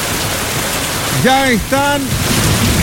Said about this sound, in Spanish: Ya están al compás de la lluvia.